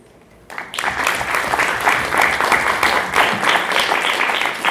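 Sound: applause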